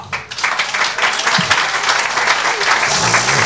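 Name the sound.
crowd applause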